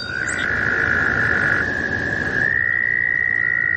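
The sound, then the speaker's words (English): A chorus of male American toads trilling in spring in long, steady, high-pitched drones, several overlapping at slightly different pitches as the males trill in different frequency ranges, loud and continuous against a dense background of wet outdoor noise. “These trilling American toads are a common springtime sound in the northeastern United States.”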